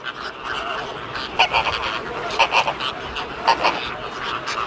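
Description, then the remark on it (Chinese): Caribbean flamingos on a sandbar after a storm, searching for eggs washed away by the waves, give nasal, goose-like honks, mostly in quick pairs, rising above a steady rushing background hiss, with a fainter chatter of other calls throughout. “风暴过后，一些加勒比海红鹳在沙洲上四处寻找被海浪卷走的卵。”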